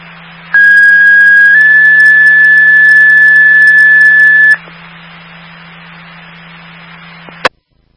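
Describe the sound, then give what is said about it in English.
A loud two-tone fire station dispatch alert sounds over a radio channel, an all call for Station 16 to a detector activation on Main Street: one steady high tone followed by a slightly different long tone for about four seconds, then low hum and a click. “Can I get an all call?”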